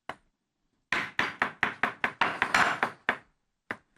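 A knife chops steadily on a cutting board, a quick run of about nine sharp, evenly spaced thuds followed by two slower strokes, with no talking.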